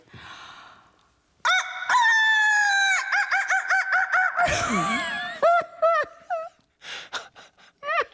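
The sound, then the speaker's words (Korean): After a brief quiet moment, comedian Jeong Sun-hee loudly imitates a rooster crowing as a wake-up alarm call, with a long, strained, wavering call, then breaks into a string of short, choppy clucking sounds. “네, 닭소리 기상송 정선희 버전.”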